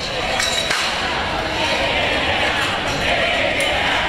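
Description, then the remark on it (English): A large crowd outside the Kennedy Center in Washington, D.C., chants "Take It Down," a steady, dense roar of many voices holding constant and loud across the whole stretch. “Chants of Take It Down from crowds forming outside the Kennedy Center in Washington, D.C.”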